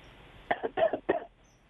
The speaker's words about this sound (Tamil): இருமல் சத்தம் மட்டும் கேக்குது. வணக்கம் வணக்கம். ஓகே, லைன் கிடைச்சும் அவங்க பேசல.